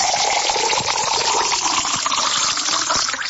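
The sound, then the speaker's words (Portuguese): Pure water from the park's spring pours steadily into a glass, a continuous splashing gush that keeps going without a break for the whole few seconds, with no one speaking. “E vai aquela aguinha da boa, ainda pura. Essa aqui é da fonte do parque, hein?”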